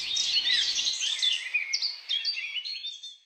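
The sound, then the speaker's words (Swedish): A steady wash of birdsong, high bright chirps and trills overlapping without pause, as if several birds sing at once, moderately loud with no voices present. “Sök på Fågelsångsnatten.”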